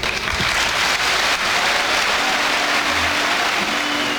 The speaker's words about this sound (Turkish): Süleyman Seba'nın konuşmasının ardından üyeler kendisini ayakta alkışlarken bazıları gözyaşlarını tutamadı.